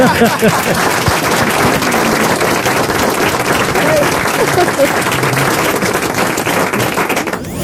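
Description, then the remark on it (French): Steady, loud applause from a sizable audience at a radio quiz show, following a correct answer, fills the whole stretch, dense clapping with some crowd chatter mixed in, holding level before tapering slightly at the very end. “Je le prends pour moi, vos applaudissements.”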